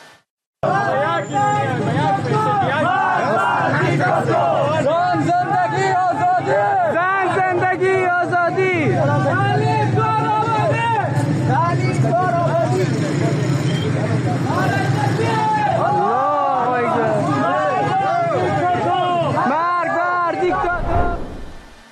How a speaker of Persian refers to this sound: همزمان شماری از شهروندان هرات به نشانه اعتراض تجمع کردند و شعارهای زن زندگی آزادی و مرگ بر دیکتاتور سر دادند.